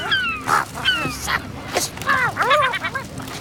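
Harsh, nasal squawks from a herring gull come in quick bursts, mixed with short crinkly rustles of plastic being pulled and torn as the gull tries to rip open a garbage bag, fairly loud over a faint background.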